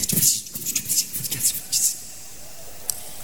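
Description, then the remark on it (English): A voice imitates the eerie noise of Gespenster (ghosts) with breathy, whispery hisses in several quick pulses for about two seconds, then falls quiet apart from a faint click. “And this is the noise that the Gespenster make.”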